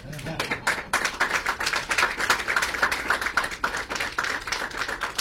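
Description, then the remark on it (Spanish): An audience at a conference breaks into steady applause for the signing of an agreement between Colonización, Plan Agropecuario and the MGAP, a dense crackle of many hands clapping at once that holds at an even, moderate level for several seconds. “Pueden aplaudir.”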